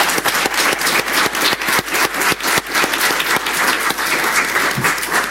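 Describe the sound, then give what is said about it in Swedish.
An audience applauds steadily in honor of an absent long-serving local politician, a dense wash of many hands clapping with a few sharper individual claps standing out, holding at a fairly loud, even level throughout. “Kristina är då inte här idag, men jag tänker ändå att jag vill lyfta upp hennes engagemang och jag tänker att vi applåderar henne i sin frånvaro.”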